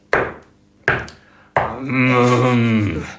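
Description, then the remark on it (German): Three loud, hollow knocks on Captain Bomsen's door by the whole island community of Usedom at a late hour, evenly spaced about a second apart. The last knock runs straight into a long, steady, tonal droning sound. “Und die gesamte Insel versammelte sich und klopfte bei Captain Bomsen an die Tür.”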